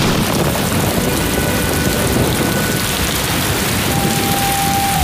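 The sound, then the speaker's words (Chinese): Steady, heavy rain pours down without a break, a dense continuous hiss filling the scene, with no voices and only a faint low rumble underneath. “会下雨的。”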